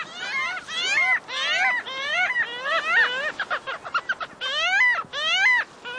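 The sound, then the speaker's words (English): A parasitic jaeger, a relative of gulls, calls repeatedly in loud, nasal, wailing bursts, each call rising and falling, followed by a quick run of sharp staccato notes before the wailing resumes, clear. “This elegant buccaneer is a parasitic Jaeger, a relative of gulls that is built for sprinting speed and predatory feats.”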